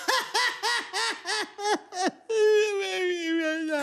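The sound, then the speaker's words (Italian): The character Crude sobs in a quick series of about six rhythmic, gulping cries, then breaks into a long, sustained wail, loud, with no other talking. “Crude piange.”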